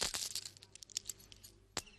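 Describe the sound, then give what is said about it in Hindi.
A paper bundle rustles and crinkles as it is clutched to the chest while walking in the shade of neem trees, with a cluster of crisp crackles at the start, softer scattered rustling through the middle, and one sharp crinkle near the end. No one speaks. “की पोटली छाती से चिपटाए वो नीम के पेड़ों की छांव में चलने लगा।”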